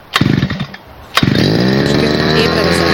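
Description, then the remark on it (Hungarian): A brush cutter's small two-stroke engine sputters briefly on a first pull, then fires up on the second and settles into a steady, loud, buzzing idle, at 8 in the morning. “vett arra, hogy kell beindítani a fűkaszát, megőrülsz.”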